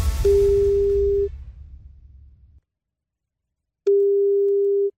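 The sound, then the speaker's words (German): A telephone ringing tone sounds twice as a phone number drawn from a lottery drum is called, a steady electronic tone about a second long, then a pause before the next, with low rumbling background noise under the first ring. “Ich habe in die Lostrommel gelangt, eine Telefonnummer gezogen und dann schauen wir mal, ob er oder sie im richtigen Moment aber mit und weiter singt.”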